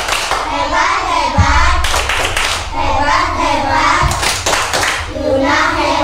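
A group of children perform the 'Tepuk anak hebat' clapping chant, chanting a short rhythmic phrase in unison, punctuated by sharp bursts of hand clapping. The sing-song chant repeats in loud, steady cycles over about six seconds.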